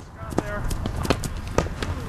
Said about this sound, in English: That's the sound of players running a drill, practicing the traditional Irish sport of hurling.